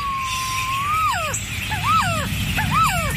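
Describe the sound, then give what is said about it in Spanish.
Song of a quetzal, Guatemala's national bird: a long rising whistle followed by three repeated, arching whistled phrases, clear and mid-pitched over a low rumbling background. “¿Has escuchado alguna vez cantar a nuestra ave nacional? Aquí unos segundos de su canto.”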